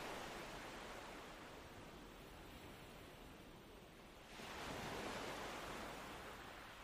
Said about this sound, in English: It is very calm, and the waves break like small sighs against the sand.